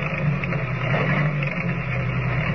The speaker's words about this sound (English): Driving the station agent's old car along the winding road, Kent and Lois go on to the Barrow Ranch. With less than a mile to go, the stillness of the night is broken only by the steady chugging of the ancient motor as it struggles laboriously